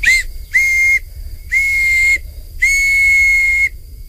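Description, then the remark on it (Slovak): A whistle made from willow bark blown in four breathy, shrill blasts, each held a little longer than the last, loud with short pauses between and no voices. “No tak toto je tá píšťalka z vrby. To bolo len na jare, keď tá vrba mala miazgu. Na tej môžem zapískať.”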